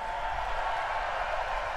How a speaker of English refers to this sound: Thanks, everybody. Let's have a big round of applause for all the people that help us do this also.